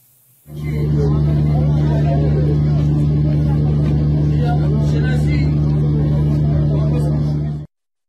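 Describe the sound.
A loud, continuous drone of car engines from congested traffic in front of Bagh-e Rezvan on the mornings of 20 and 21 Dey, idling and revving for several seconds, with indistinct voices mixed into the rumble before it cuts off abruptly.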